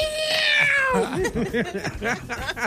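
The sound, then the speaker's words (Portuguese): A single drawn-out meow-like call slides downward in pitch for about a second, made by a small whistle imitating a cat, followed by people talking and chattering. “Sim, mas ele imita o gato com o apitinho.”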